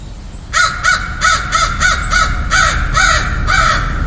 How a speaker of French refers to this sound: Ça, c'est une corneille.